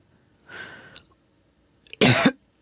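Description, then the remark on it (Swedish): A wheezy, rasping intake of breath, then a brief pause and a single loud, harsh, wet, rattling cough from a 96-year-old man. No talking. “hostar så det rosslar.”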